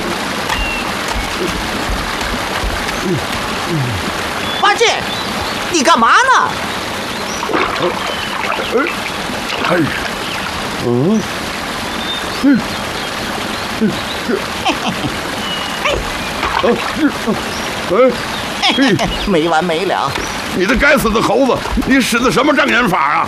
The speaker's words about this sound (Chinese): 师傅说的对，果然有条大河。 真有河呀！